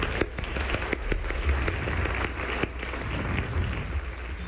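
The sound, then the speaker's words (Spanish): An audience applauds the Orquesta Sinfónica del Instituto Politécnico Nacional with steady, dense clapping for several seconds, a continuous crackling wash of many hands with a few sharper individual claps standing out. “¡Fuerte aplauso a nuestra orquesta!”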